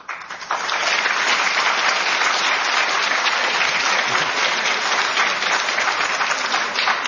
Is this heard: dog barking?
no